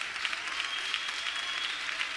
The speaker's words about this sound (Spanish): Si le va a dar un aplauso al Señor, estoy de acuerdo, pero déselo fuerte, porque Dios es un Dios grande. Y los aplausos tienen que ser grandes, fuertes. 30 segundos de aplausos para el Rey, para el Dios grande, pero fuerte.